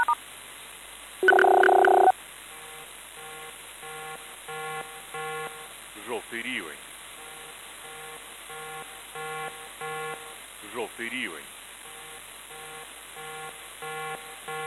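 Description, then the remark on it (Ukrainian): A loud electronic alert tone blares briefly, followed by a steady run of repeating, evenly spaced beeping air raid alert tones in Poltava district, with brief wavering sounds breaking in twice. “Громадяни, повітряна тривога.”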